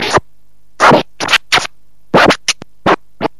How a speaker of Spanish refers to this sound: Un scratch.